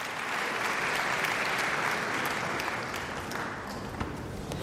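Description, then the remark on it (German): A large audience in the Saarbrücken Kongresshalle applauds violinist Arabella Steinbacher after a Bach Largo at a Deutsche Radiophilharmonie concert, a dense, sustained wash of applause in a reverberant hall at even loudness throughout, with no voices standing out. “Und jetzt Bach, ein Largosatz, viel, viel Beifall aus dem Publikum in der Saarbrücker Kongresshalle.”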